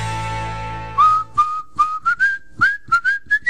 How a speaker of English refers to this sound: I didn't know you whistled.